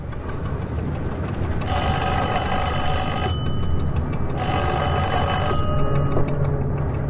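A telephone rings with a mysterious call in the office of the Da Dongnan Shipping Company, in two long, bright bursts separated by a short pause, loud over a steady low background hum, with no voices.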